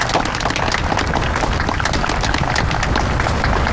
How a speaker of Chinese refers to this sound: 来，我们掌声有请他们。